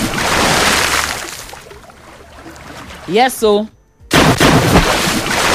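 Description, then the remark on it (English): Water is poured over a person under the sun, splashing in a loud, rushing burst for about two seconds, then a short spoken phrase, a brief silence, and another heavy splash of poured water. “that water I just pour you, so just use and take whole body small under this sun, okay?”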